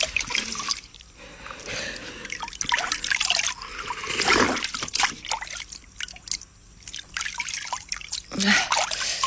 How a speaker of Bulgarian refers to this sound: Чекай се наплискам. Чекай. Чекай да пинем. Студена вода.